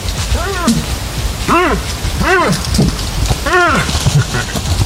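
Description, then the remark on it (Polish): Moose rutting calls in a forest during the rut: four short, low grunting moans, each rising then falling in pitch, spaced unevenly across a few seconds over a steady rain-like hiss. “No i od razu wyjaśniamy, to odgłosy łosi.”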